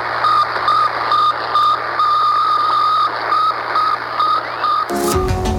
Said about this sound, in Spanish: Sputnik 1, el primer satélite artificial de la historia. Era una pequeña esfera de apenas 84 kilos que daba una vuelta a la Tierra cada 98 minutos y enviaba una sencilla señal de radio, bip, bip. Bueno, aquel pequeño sonido inauguró la era espacial.